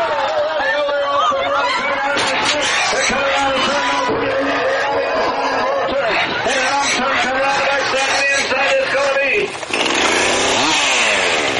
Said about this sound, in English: I look at the chainsaw carving mainly as a sketching tool more than anything.